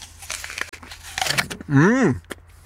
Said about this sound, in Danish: Og det er jo fordi, at heroppe så har man en masse æbletræer og laver en masse skøn cider, og jeg tager lige et bid af et af æblerne.